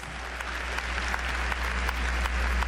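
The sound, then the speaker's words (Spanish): A church audience applauds for the Lord in a steady, dense wash of clapping at an even loudness for a few seconds, with a low hum underneath. “Un aplauso al Señor.”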